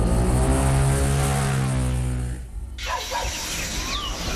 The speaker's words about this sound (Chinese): 等跨上了摩托车，一脚油门就窜出去了。